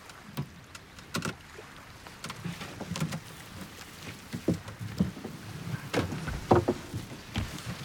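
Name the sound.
boat on water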